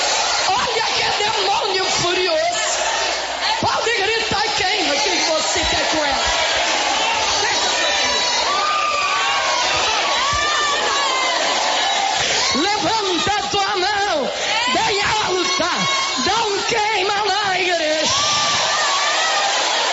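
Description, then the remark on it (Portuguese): A large church audience at a service shouts and cries out together, many overlapping voices shouting "queima" in loud, continuous waves of yelling and whooping that fill the whole stretch without a pause. “Pode gritar queima, igreja.”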